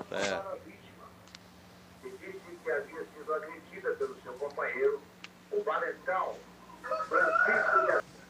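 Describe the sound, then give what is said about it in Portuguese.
A chicken clucks faintly in the background while a man talks over it, with a brief higher, drawn-out call near the end. “Olha a galinha.”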